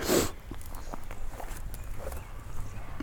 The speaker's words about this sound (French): Je pense que vous avez entendu ce bruit qui passait, ces deux biches qui viennent de bondir sous mes yeux.